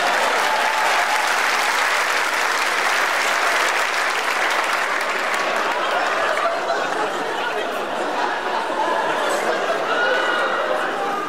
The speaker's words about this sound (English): Round of applause as he gets his puppet.